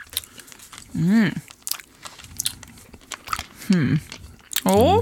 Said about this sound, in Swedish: Man ska inte smaska i radio, vi vet, men det här är en del av innehållet just nu.